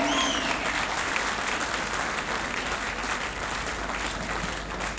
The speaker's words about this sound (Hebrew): כאן נכבד במחיאות כפיים שלכם.